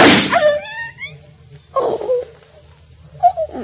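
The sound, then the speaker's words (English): A single sharp pistol shot, fired to shoot a dog, cracks at the very start, followed by thin rising whine-like tones and a couple of softer, muffled noises afterward. “Oh, I heard a shot.”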